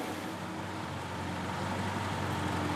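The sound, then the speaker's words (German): Old East German (GDR) cars from an IFA collection in Quilo drive out of a hall with a steady, droning engine noise, a low, buzzy hum holding at an even level throughout, with no one speaking. “Dann kommen die anderen DDR-Relikte aus der Halle. Sie sollen später die Wohnwagen nach Anklam ziehen.”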